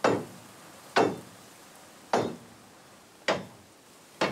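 A crowbar used as a hammer strikes loose rail nails: five sharp, loud blows about a second apart, each with a quick ringing decay, with no talking.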